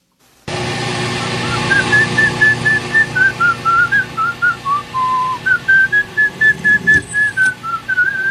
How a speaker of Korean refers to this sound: 휘파람 소리가 거슬리시나요